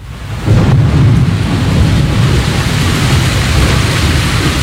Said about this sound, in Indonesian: Hingga suatu hari, terjadi hujan badai muncul secara tiba-tiba.